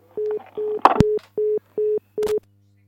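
A telephone line tone repeats as six evenly spaced mid-pitched beeps over a steady low hum, with a burst of clicking and crackle partway through.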